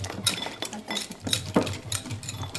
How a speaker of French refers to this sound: Là, je suis en train de mélanger le chocolat. On va faire un brownie. On a besoin du œuf, chocolat et farine. On a besoin aussi d'un fouet pour mélanger.